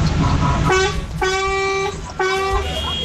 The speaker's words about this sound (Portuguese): É, cara, os caras tá buzinando, né? O negócio tá só, ó. Caramba, caí sim, gostei de ver, gostei de ver. Eu gostei de ver esses caras buzinando com tudo, gente.